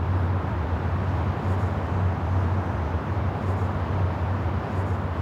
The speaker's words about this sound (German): ganz eindeutig hören Sie ja hier die Autobahn direkt benachbart